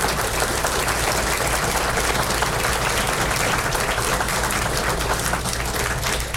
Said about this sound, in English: Can we have a round of applause for all our veterans in the audience? Absolutely.